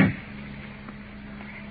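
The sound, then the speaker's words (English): A single sharp mechanical click right at the start as a man inside a locked car opens the car door latch, followed by a low steady hum and a faint knock partway through. “He's opened the latch on this side.”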